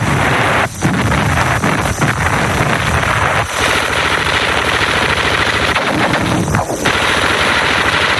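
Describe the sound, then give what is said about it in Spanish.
Sustained machine gun fire from the coastal cliffs of western Europe on 6 June, aimed at the first assault troops, rattles loudly and continuously, dense bursts layered over a roaring, rumbling battle din with wind-like noise, a few brief gaps breaking the barrage. No one speaks. “Tabletean las ametralladoras en las escarpaduras de la costa contra los primeros asaltantes de la fortaleza europea.”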